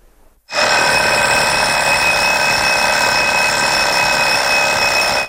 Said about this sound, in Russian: Я знаю, по ком звонит будильник.